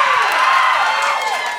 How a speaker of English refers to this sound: Thank you so much for applauding my loneliness.